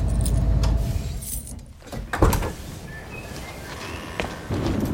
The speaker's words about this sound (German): Motor aus.